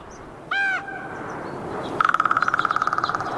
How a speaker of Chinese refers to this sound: 突然，一阵熟悉的叫声传入他的耳中。原来是老邻居杜鸦，他们仿佛无处不在，总是吵闹不停。不过这一次，他们可帮金雕幼鸟解决了燃眉之急。杜鸦聒噪的叫声引起了金雕幼鸟。